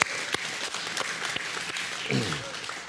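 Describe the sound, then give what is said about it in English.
A church audience claps for God during a sermon, steadily, a dense wash of many hands with a few sharper individual claps standing out, and a brief voice rising over the applause near the end. “Let's clap for God, right? Come on.”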